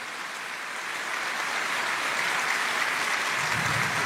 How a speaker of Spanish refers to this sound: Dele un aplauso grande si entendió la palabra.